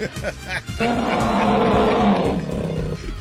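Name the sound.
animal roar sound effect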